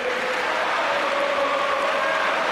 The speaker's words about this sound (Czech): A teď jste si mohli vychutnat i tohleto krásné fotbalové fandění, kterého ve vysílání Radiožurnálu Sport uslyšíte opravdu hodně v příštích dnech, týdnech, de facto měsících.